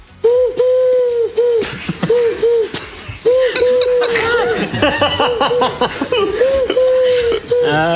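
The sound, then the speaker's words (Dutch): A parrot mimics a pigeon's cooing, repeating low, hollow coo-like calls in quick, rhythmic, loud bursts, with brief pauses between phrases and a faint raspy texture. “Dat is een papegaai die een duif nadoet.”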